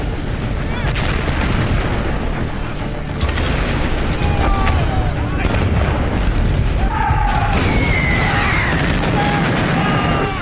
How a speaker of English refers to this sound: Three and a half million German shells are fired in just 5 hours.